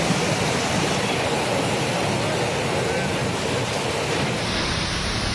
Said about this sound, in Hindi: ये तस्वीर कोलकाता से आई है, जहां दिन में ही अंधेरा छा गया, जोरदार हवाएं चलने लगी और फिर बिजली कड़कने के साथ झमाझम बारिश देखने को मिली।